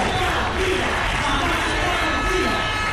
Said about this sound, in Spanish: Miles de personas se han manifestado pacíficamente para reclamar al gobierno una mayor implicación para que no vuelva a suceder una tragedia humanitaria como la de la semana pasada en la ciudad autónoma.